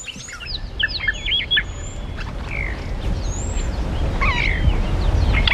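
Oxpeckers calling in quick bursts of short, buzzy chirps and trills, several birds overlapping above a steady low rumble of outdoor background noise.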